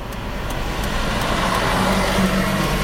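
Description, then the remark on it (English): A bus approaches at a red light in Ballarat. Its engine rumbles steadily, the low drone growing slightly louder amid general road traffic noise, with no one speaking. “Well, sitting at the red light with the red arrow, and here comes the Ballarat bus station 25.”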